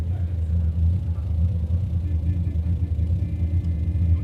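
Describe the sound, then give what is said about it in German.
A car engine idles steadily, a low continuous rumble with a faint hum on top, holding an even level throughout without revving. “Stell den Motor ab.”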